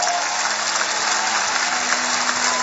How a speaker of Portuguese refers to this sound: Temos esta noite aqui uma equipa fantástica de bailarinos. Um aplauso para eles.